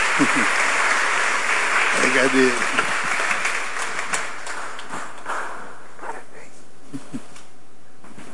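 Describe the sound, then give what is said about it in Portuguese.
A dense burst of clapping from a crowd, loud at first and then thinning out and fading over several seconds, while a voice briefly speaks over it. “Ih, uma salva de palmas pra ele aí, né?”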